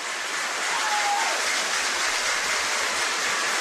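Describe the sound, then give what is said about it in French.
A noisy crowd at a baseball game roars in a loud, steady wash of sound, no single voice standing out, holding level from start to finish. “La foule est bruyante, les amis.”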